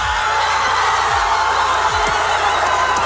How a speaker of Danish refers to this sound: god jubel på